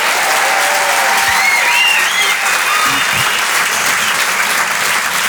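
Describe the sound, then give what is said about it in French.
Sustained audience applause at a Rire et Chanson show, a dense steady wash of clapping at a constant loud level, with a few faint whoops and cheers rising above it and no talking. “C'est quand même sympa, ça s'applaudit quand même, ça.”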